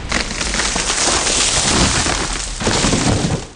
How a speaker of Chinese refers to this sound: 树倒喽！